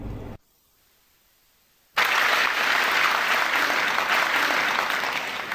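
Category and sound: crowd, audience applause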